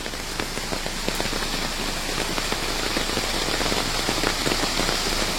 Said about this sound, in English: And actually, the rain is really refreshing.